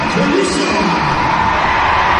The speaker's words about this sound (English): Yeah, great cheer for Emily Murphy. Who comes off.